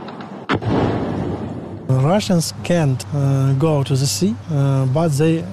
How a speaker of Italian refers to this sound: Odessa è la città più bombardata del paese insieme alla capitale, Kiev. Qui il rumore dei droni e quello dell'antiaerea sono diventati una sorta di inquietante colonna sonora dell'estate.